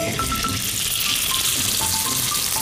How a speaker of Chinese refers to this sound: 两头很重要哈，两头一紧，里面就不容易露馅了， 没错， 就米出不来了。 现在呢，咱就可以下锅去煎了。